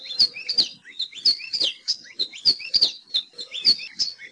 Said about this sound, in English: Nowadays, the best place to see Alawa Io and hear their warbling song is at Hosmer's Grove at Haleakala National Park and also Polipoli State Park.